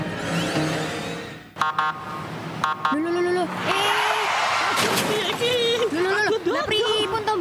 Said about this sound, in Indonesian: Jika Anda mendengar bunyi dan lampu kuning berkedip, ini merupakan rambu lalu lintas yang bernama Pelikan Crossing.